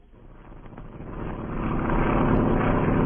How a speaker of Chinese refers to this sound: 杜聿明的部队正在大规模撤退，这时一架飞机飞过，投下了一个小降落伞，带来了蒋介石的亲笔信。